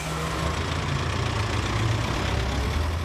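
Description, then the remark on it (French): A bus engine idles steadily, a continuous low rumble with a faint mechanical hum that holds at an even level throughout, with no voices. “You're in the Coast to Coast bus with Jean-Pierre on RCF Radio France.”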